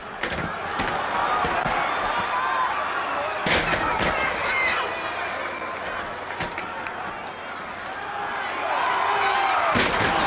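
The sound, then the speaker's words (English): Two wrestlers take turns at several heavy body slams thudding onto the wrestling mat at irregular intervals, loud, over a constant roar of crowd noise with voices in the background. “And they take turns at body slams. You gotta be in shape to take this kind of pounding.”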